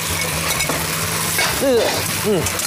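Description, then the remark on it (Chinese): Thickening sauce being stirred and reduced in a hot wok, with a steady hiss of sizzling throughout and soft scraping of the utensil, broken near the end by two short rising-and-falling tonal sounds. “您看啊，这炒到一定程度的时候浓稠了，烹汁 这搅和搅和，对， 这烹汁了。”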